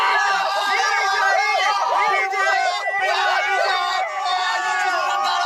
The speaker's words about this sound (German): Sie springen, schreien, jubeln.